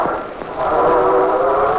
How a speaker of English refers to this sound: There's a train.